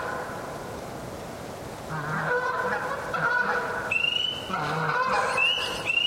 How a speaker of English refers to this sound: And so I'm recording it around, this is around maybe 6 p.m. So before, you know, it's light, peepers haven't started yet. And here these Canadian geese come by. They fly over.